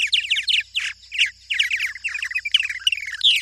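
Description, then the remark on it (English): Nesting purple martins in North America chatter in a busy, overlapping stream of bright chirps and gurgling warbles, several birds calling at once with no pauses, over a faint low hum. “Using Project Nestwatch data, the researchers found that for many species, including these purple martins, cold snaps and heat waves make them less successful in raising their young.”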